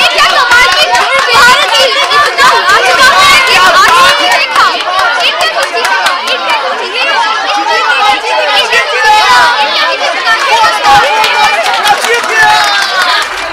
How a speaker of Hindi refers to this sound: अनुष्का भीड़ की बातों को ध्यान से सुन रही थी।